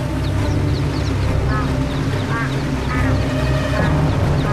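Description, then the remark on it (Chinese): A steady roar of rushing, churning river water fills the scene, with ducklings paddling forward through the waves, peeping and quacking in short, scattered bursts above the constant flow. “波涛翻滚的河流中，小鸭子们扑腾前行。”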